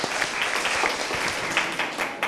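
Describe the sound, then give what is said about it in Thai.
A classroom group of people clapping together for student group 5, a steady dense patter of many hands with sharp individual claps popping out, sustained at an even level for a couple of seconds with no talking. “ขอเสียงปรบมือให้กลุ่มที่5หน่อยครับ”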